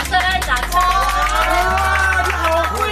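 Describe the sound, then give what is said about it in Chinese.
A crowd claps and cheers, with dense, steady applause and overlapping raised voices filling the space for a few seconds, fairly loud. “掌声！掌声！”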